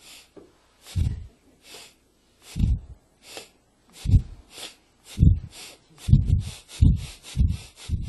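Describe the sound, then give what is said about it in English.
A voice imitates a coal-fired steam locomotive starting from a railway station, demonstrating breathing through the stomach, with breathy, hissing puffs, starting slow and spaced apart, then quickening into a faster rhythm, fairly loud. “And the locomotive, the train from the railway station begins. You should see. So it goes like this.”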